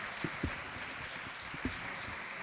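Steady, fairly soft applause from a crowd, a dense wash of clapping with a few sharper individual claps standing out. No voices are heard.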